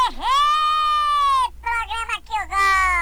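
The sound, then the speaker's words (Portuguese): A loud, shouted war cry from one voice: one high, sustained yell held for over a second, then a few shorter, choppy whooping bursts, given at 6:05 in the morning. “dá o grito de guerra aí”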